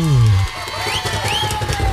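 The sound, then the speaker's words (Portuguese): On a radio show, a burst of applause with cheering and rising whistles over a steady hum, following a falling tone at the start; moderately loud and with no talking. “Um aplauso aí, Beto!”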